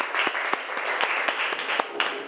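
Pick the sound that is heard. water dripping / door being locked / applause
applause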